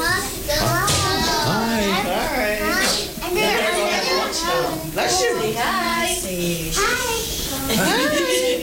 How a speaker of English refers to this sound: Oh, here we go. Yeah, here goes the kiddos.